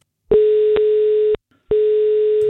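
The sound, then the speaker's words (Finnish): A steady, mid-pitched telephone ringing tone sounds over a line as Radio 97 places a call to a contest winner. It rings about a second, breaks briefly, then starts again, loud and clear with no voices. “Nyt on aika soittaa yhdelle kisan voittajalle.”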